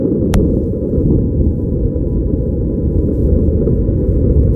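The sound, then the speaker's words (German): Wind on Mars captured by the microphone of the Perseverance rover, the first Mars rover fitted with a microphone: a steady, muffled low rumble that buffets continuously, with one sharp click near the start and no voices. “So klingt Wind auf dem Mars.”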